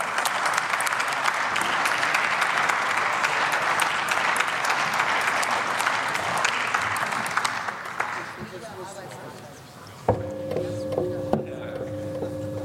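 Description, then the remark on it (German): Steady, dense applause fills a parliament chamber during an Aktuelle Stunde debate for about eight seconds, then thins and fades away before a single voice begins speaking. “Frau Präsidentin, meine sehr geehrten Damen und Herren, ein großer Applaus für die Koalition.”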